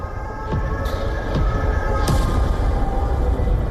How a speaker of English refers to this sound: The first explosions shattered the silence before dawn. Then came another.